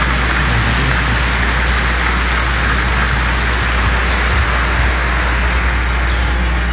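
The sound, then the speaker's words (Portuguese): The faithful at a Catholic Mass in a sanctuary clap warmly and steadily to welcome the concelebrants, a dense, even wash of many hands that holds at a loud, constant level for several seconds with no voices. “E nós queremos acolher os concelebrantes, presbíteros, diáconos, os ministros do altar do Senhor, da palavra, da Eucaristia, coroinhas e cerimoniários, religiosos e religiosas e todos os fiéis com uma calorosa salva de palmas.”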